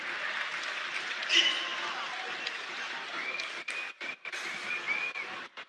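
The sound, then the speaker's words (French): A stadium crowd applauds as goalscorer Valentin Fus, who scored the equalising penalty, leaves the pitch, substituted by Eladji Eni: a dense, steady wash of clapping and crowd noise that holds at an even level, breaking up briefly near the end. “Très applaudi le buteur, l'auteur du pénalty de l'égalisation.”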